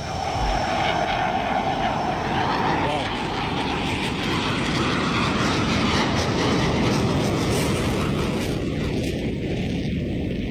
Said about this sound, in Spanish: El caza ruge en el aire. Quizá por eso el emblema del ala 15 es un tigre. Vaya despegue. Nada más subir, tira para arriba.